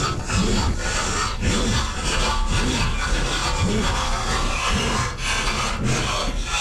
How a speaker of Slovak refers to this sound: To bolo krájanie chleba. Áno. Takto počujú bežné zvuky deti s autizmom, ktoré sú hypersenzitívne.